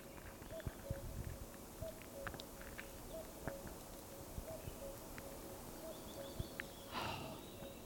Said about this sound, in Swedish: Men, hör du göken nu? Ja, den där.